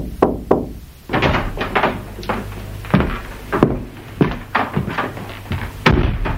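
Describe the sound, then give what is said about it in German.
Knocking on a door: a run of sharp, solid raps in uneven clusters, fairly loud, with a low steady hum underneath and no voices. “Ein flüchtiges Klopfen an der Tür veranlasste Martha zur Unterbrechung der Arbeit.”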